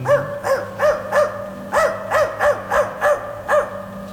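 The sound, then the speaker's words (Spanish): A dog barks in a quick, steady series of about a dozen sharp, ringing barks over roughly four seconds, fairly loud, with a faint low hum underneath. “que saquen al perro con cuernos de cartón.”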